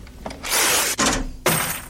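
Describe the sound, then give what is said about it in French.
Coins that have been pierced clatter and jingle as they are thrown onto a hard floor amid the clanking rattle of a cash register, a series of loud, bright metallic bursts one after another, with no voices; the opening of a song. “une chanson mythique qui commence par des bruits un peu bizarres, qui sont faits par des pièces qui ont été percées, qui sont jetées par terre, la fameuse caisse enregistreuse, la ligne de basse”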